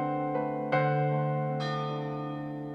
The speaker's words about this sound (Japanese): その時、12時を告げる時計の鐘が鳴りました。